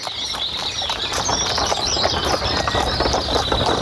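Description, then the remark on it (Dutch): A farmer drives a horse-drawn wagon past on farmland, hooves clip-clopping steadily among rattling, clattering wheels, loud throughout, with a high chirping or buzzing of birds or insects in the background. “Terwijl er een boer voorbij komt met paard en wagen.”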